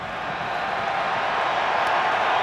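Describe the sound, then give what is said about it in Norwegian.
A large crowd at a Spain–Austria football match roars in stoppage time as player Kobarsi gets back on his feet, a steady, dense wash of cheering that holds loud and even throughout, with no single voice standing out. “Publikum jubler før det Kobarsi er oppe på beina igjen.”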